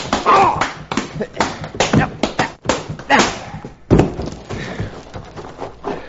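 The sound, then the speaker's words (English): A rapid flurry of punches landing on a man's chin in a fistfight, dull thuds and slaps hitting in an irregular rhythm, mixed with grunts and strained voices throughout. “I bruised my knuckles on this polecat's chin.”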